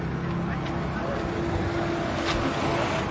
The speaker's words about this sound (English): There's a bus arriving, and even more people are getting off to join the queue.